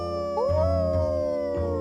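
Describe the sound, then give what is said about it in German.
Long, rising tonal howls from at least two wolves overlap, sustained and fairly loud, with a steady low rumble beneath and no talking. “Das war jetzt nicht wirklich ein Wolf, oder? Nee, einer war es nicht. Es waren mindestens zwei.”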